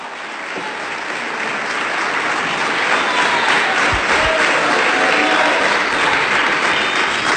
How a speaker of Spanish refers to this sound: Demos palmas de alabanza al Señor.